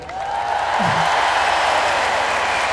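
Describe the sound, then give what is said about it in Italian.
An audience bursts into sustained applause to vote for a song in an applause-meter contest, a dense wash of clapping that swells quickly and stays loud throughout, with a few faint voices mixed in underneath. “Sarete voi a scegliere quello che poi canterà, va bene? Secondo, esatto, l'applauso più forte.”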